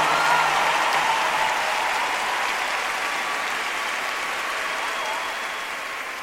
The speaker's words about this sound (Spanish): Por favor, brinden un aplauso a la persona más especial, nuestro Señor Jesús.